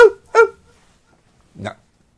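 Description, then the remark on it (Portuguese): Three short, sharp yaps like a small dog barking: two in quick succession, then a pause of about a second before a final bark. “Late pra cacete, inferno.”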